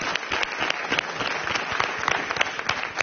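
audience applauding

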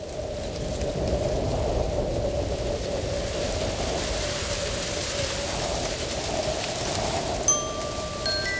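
wind

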